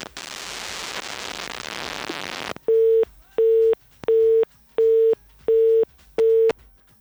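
A burst of loud telephone-line static cuts off as a caller's phone call drops, followed by a telephone busy tone: six evenly spaced, steady beeps in a quick regular rhythm, clear, with no voices.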